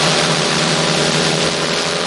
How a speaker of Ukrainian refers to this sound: Ось так гучно в небо здіймається ударний дрон-бомбардувальник «Вампір» сьогодні у навчальному режимі.